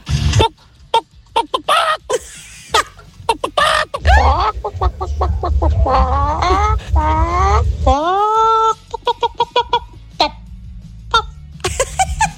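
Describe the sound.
Several voices in voice messages sent over WhatsApp imitate chickens, with choppy clucking bursts and a drawn-out rooster-like crow in the middle, mixed with laughter and loud, lively vocal noises.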